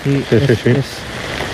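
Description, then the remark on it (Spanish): Steady rain hisses in the background, a soft continuous wash of noise that carries on after a voice speaks briefly at the start. “Eso es lluvia, ¿no? Lo que escucho de fondo.”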